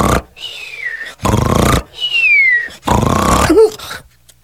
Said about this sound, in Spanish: Así que se echó a la sombra del pirul, cerró los ojos, cruzó las patas y al cabo de unos momentos, roncaba sonoramente.